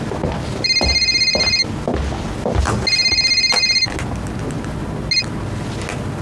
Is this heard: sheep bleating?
no